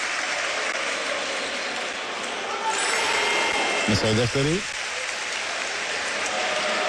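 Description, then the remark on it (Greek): A basketball crowd claps steadily throughout, a dense, even wash of applause encouraging player Dorsey after he misses a free throw, while a commentator speaks briefly partway through over the clapping. “Ο κόσμος τον χειροκροτεί για να τον ενθαρρύνει.”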